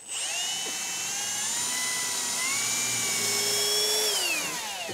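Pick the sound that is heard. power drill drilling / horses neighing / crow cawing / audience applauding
power drill drilling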